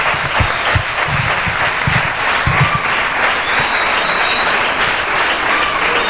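A large audience applauds steadily for a club's well-deserved award after more than 30 years of growth, a dense, continuous wash of clapping that stays loud and even for several seconds, with no one speaking over it.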